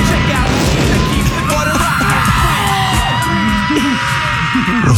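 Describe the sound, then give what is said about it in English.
Added screams of a rioting crowd yelling nonstop, many overlapping voices shrieking and bellowing at once, loud, a chaotic wall of shouting that fills the whole stretch. “We might have added the screams, but the explosions were actually real.”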